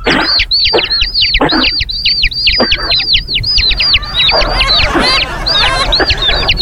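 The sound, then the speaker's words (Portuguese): A canary imitating chicks, a sound it learned while kept with hens, rapidly repeats high, bright peeping notes in quick rhythmic bursts that blend into fast trills, loud, with some clucking-like background fowl sounds. “Imitando pinto, ele imita pinto, ouviu?”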